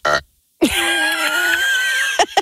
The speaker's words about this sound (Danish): En lille bøvs? Ja, en lille bøvs.